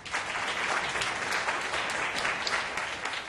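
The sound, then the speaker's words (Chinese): A crowd applauds steadily for a few seconds at the groundbreaking ceremony for the Yan family company's shopping mall, welcoming the mall's spokesperson model, a dense, even patter of many hands clapping at a constant moderate loudness with no voices. “请大家掌声鼓励。”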